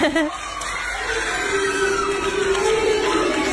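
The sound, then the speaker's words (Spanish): A crowd of schoolchildren in Quilmes cheers and shouts excitedly as their teacher returns with a gold medal, a dense, high-pitched mass of overlapping voices holding steady throughout with scattered yells rising above the din. “Y escuchá el grito de los nenes. Felices.”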